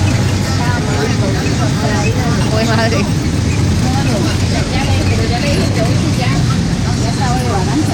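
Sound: inside a moving bus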